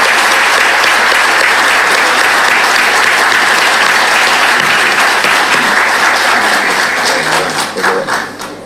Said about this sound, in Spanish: Les pido un fuerte aplauso para ellos, para nuestros galardonados.